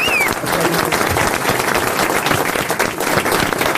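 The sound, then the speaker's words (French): Sustained audience applause for a singer after a live song performance, a dense steady wash of many hands clapping at an even, fairly loud level throughout, with a brief high whistle-like tone at the very start. “On applaudit encore”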